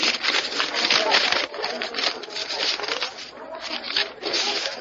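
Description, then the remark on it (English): Paper crinkles and rustles continuously as a paper that fell from someone's pocket is unfolded and handled, a dry, scratchy crackle with brief softer pauses, and no voices. “Oh, possibly a very important paper of state, citizen.”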